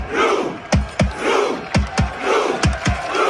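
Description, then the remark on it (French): Hundreds of Norwegian football fans at the World Cup, sitting in the streets and miming Vikings rowing a longship, chant the 'Ro' rowing rhythm: loud sharp shouts landing in evenly spaced pairs over a steady roar of voices, repeating about three times. “Ces centaines de supporters norvégiens qui s'assoient dans les rues pour mimer les vikings ramant dans leur drakkar à un rythme de plus en plus effréné.”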